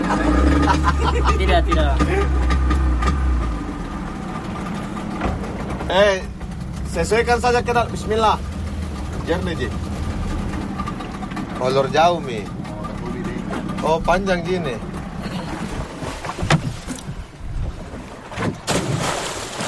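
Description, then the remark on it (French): On the deck of a dive boat where a team of divers prepares, setting up dive tanks, buoyancy compensators and other equipment: a steady low engine rumble runs throughout, with people talking and scattered clanks and knocks of gear being handled. “on accompagne l'équipe de plongeurs qui est en ce moment en train de se préparer sur le pont”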